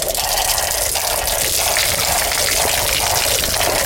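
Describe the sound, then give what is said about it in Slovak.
A steady, unbroken rush of spring water pouring from a spout, fairly loud, with a constant splashing hiss and no voices; the water circulates and flows even in winter. “No a funguje to aj v zime, aj cirkuluje tá voda, to znamená, že je určite bezpečná, áno.”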